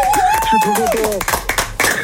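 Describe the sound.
Applause on the Super Show for a contestant who has just won a quiz game, with a burst of quick, irregular claps, mixed with voices cheering and calling out over it, fairly loud throughout.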